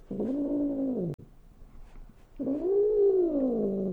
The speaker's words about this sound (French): Ça se fourre dans vos pieds, ça laisse des poils partout, ça passe son temps à miauler.